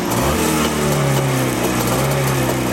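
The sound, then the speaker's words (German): A vintage motorcycle engine, started after flooding the carburetor, runs loudly and steadily, a buzzing low-pitched drone with an even, slightly uneven-pulsing idle throughout and no voices. “Und dann dürfte er eigentlich laufen. Und da ist er da.”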